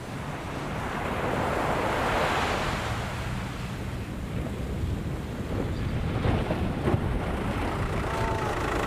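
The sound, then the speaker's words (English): Breaking rollers wash up a beach in a steady, roaring rush as small fishing craft are beached, with a surge swelling in the first few seconds and wind buffeting throughout. Nobody speaks. “The breaking rollers threaten to overturn these small craft at any moment.”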